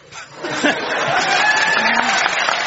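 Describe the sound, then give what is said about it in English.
The audience of a BBC Radio 4 panel show applauds a round of alliteration, a dense wash of clapping mixed with scattered laughter and chatter, holding at a fairly loud, even level for a few seconds. “When you get applauded for alliteration, you know you're listening to BBC Radio 4.”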